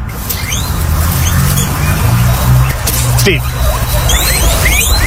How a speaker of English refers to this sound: Guinea pigs. Guinea pigs. What are they doing? Oh. Playing. No. Humping. Not quite.